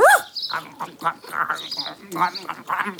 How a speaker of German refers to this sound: Einen fressenden Hund darf man niemals stören. Er könnte sonst denken, jemand will ihm sein Futter wegnehmen.